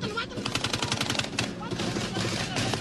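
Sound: gunfire bursts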